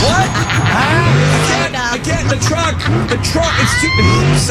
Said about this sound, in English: The truck is too... Sorry, Roger. So loud.